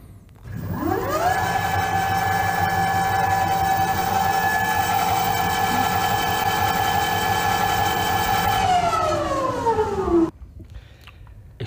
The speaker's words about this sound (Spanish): Pues es una, precisamente es una moto eléctrica. Ah, estas son las motos del futuro.